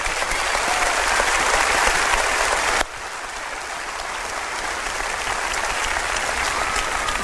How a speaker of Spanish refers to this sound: Mis compañeros abajo me recibieron muy emocionados, aplaudieron.